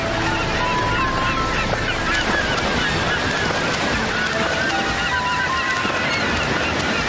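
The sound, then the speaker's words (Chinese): A dense flock of Cape gannets calling as they dive like missiles from above the sea to chase sardines, with harsh honking cries overlapping continuously above a steady roar of wind and churning sea. “而海角唐鹅则从海面上跟随行动，如导弹一般俯冲下来追赶沙丁鱼。”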